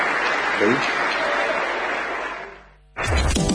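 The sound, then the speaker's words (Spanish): A large crowd applauds loudly and steadily to bid farewell to the President of the Nation, Javier Milei, the dense clapping fading out near the end before a voice cuts in over renewed noise. “Agradecemos y despedimos con este aplauso al señor Presidente de la Nación, doctor Javier Milei.”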